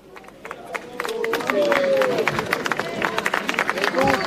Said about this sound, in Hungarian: Kedves hallgatók, ahogy hallják a tapsot, megérkezett a Szent Atya Leó pápa a helyszínre.